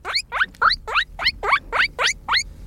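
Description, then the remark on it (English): A guinea pig squeaks in a quick, steady series of about eight high, rising wheeks, each one sliding upward in pitch, with no talking. “Guinea pig. Classic.”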